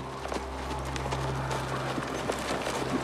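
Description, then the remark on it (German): Horses' hooves clip-clop in a quick, irregular patter over a steady low hum, the sharp clicks fairly even in loudness throughout. “Du, bewach die Pferde.”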